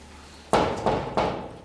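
knocking on a door

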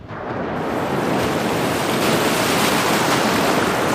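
ocean waves

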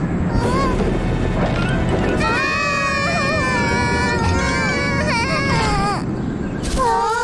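strong wind blowing

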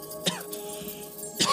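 repeated coughing

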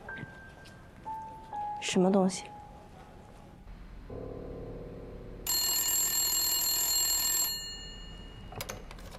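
telephone ringing

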